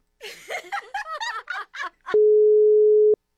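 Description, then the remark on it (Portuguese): Bursts of snickering laughter give way to a single steady phone call tone, a loud, clear beep held for about a second before it cuts off, with no answer. “É o telefone?”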